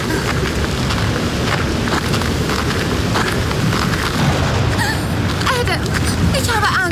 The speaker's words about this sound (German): Das Gewitter ist fast schon über uns.